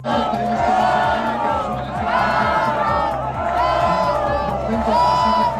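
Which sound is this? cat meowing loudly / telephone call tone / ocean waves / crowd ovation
crowd ovation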